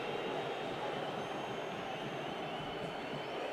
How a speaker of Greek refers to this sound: Τώρα εδώ ανάβουν τα αίματα. Πολύτιμο χρόνο κερδίζει η Βέλες. Ζητάνε δεύτερη κίτρινη, γι' αυτό οι αποδοκιμασίες.